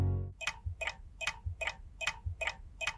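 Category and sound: sound effect, ticking clock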